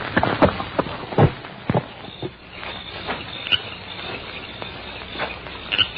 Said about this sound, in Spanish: las mismas tinieblas que cerraban el camino por donde avanzaba el caballo siniestro de Andrés Orson.